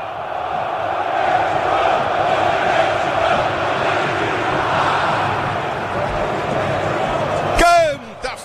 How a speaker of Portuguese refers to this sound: Canta, fé, a torcida, sinta o clima.